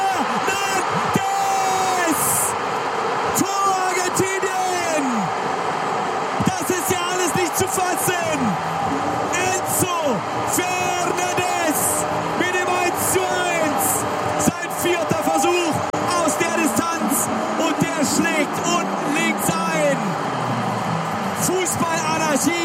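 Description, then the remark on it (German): A loud stadium crowd at a football match roars in celebration after a goal levels the score 1-1 against Argentina, a dense, continuous wall of cheering and shouting with scattered whistles rising above it throughout. “Er hat das Siegtor im Achtelfinale gegen Kap Verde erzielt und er rudert jetzt mit den Händen, will, dass die Fans noch lauter werden, legt die Hände an die Ohren”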